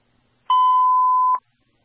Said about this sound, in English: The fire alarm.